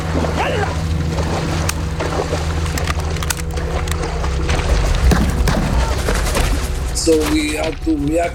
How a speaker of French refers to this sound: Ils nous tiraient dessus, ils tiraient sur les bateaux.